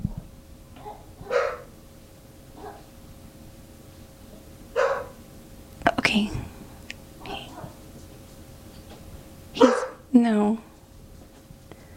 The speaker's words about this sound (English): Oh man, do you hear my dog?